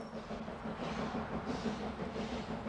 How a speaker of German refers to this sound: Kurz vor Losheim verlässt der Zug den großen Wald. Das Herzstück der Museumsbahn, Lok 34, war bis 1982 auf der Grube Landsweiler Reden im Einsatz. Sie wurde dort als letzte saarländische Dampflok außer Betrieb genommen.